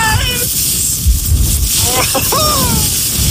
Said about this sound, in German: aber allein wenn ich diesen Wind höre, da könnte ich mir schon wieder die Jacke anziehen